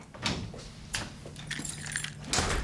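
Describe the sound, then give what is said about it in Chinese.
Two room keys, one for a double room and one for a single room, jangle and clink in several short metallic bursts as they are handed over, a bright rattling that comes and goes over a faint low hum, with no one speaking. “来，两把钥匙交给你，来， 就两把钥匙。”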